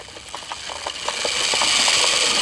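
The motor of a remote-controlled toy car, almost as big as the small boy driving it, whirs with a steady high-pitched buzz as the car comes onto a playground. The buzz rises gradually in loudness, with rapid rhythmic ticking pulses running through it. No one speaks.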